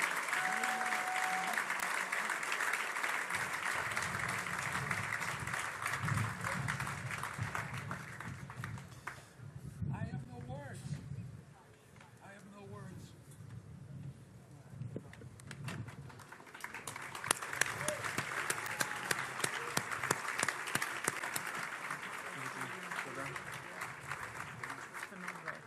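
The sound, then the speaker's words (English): Sustained audience applause at the presentation of the Hanani Award, a dense wash of many hands clapping that softens briefly in the middle and then swells loud again, with some voices and low rumbling beneath it. “Ladies and gentlemen, another round of applause, please.”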